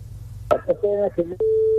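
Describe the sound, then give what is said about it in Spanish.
After a few garbled words of phone-line speech, a loud, steady busy tone cuts in abruptly and holds to the end, sounding like a call that has just dropped. “Intentamos recuperar esa llamada.”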